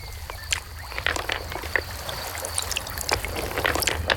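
A river babbles and gurgles over pebbles, a steady rush of water with small splashes and bright trickles popping through it. No voices.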